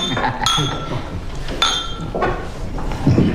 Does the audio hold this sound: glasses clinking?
yes